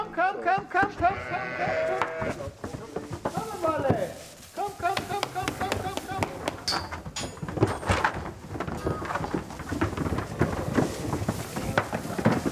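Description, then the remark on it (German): Many pregnant sheep bleat over and over in their new, freshly bedded barn after a 50-kilometre move, overlapping wavering calls, with rustling and thumps of movement underneath and people talking intermittently. “Alle Schafe sind wohlauf.”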